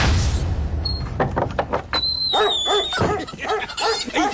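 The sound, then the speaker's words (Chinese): A dog barks repeatedly at a visitor it does not recognize, a loud series of quick, sharp barks, preceded by some clattering and a faint high-pitched whistling tone. “去，这狗连我也不认识了。”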